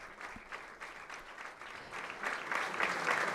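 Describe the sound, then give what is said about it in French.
Steady applause from a group of Spanish bishops being addressed by the Pope, a dense patter of many hands clapping that holds at moderate loudness and swells slightly toward the end, with no voices over it. “Des applaudissements donc des évêques.”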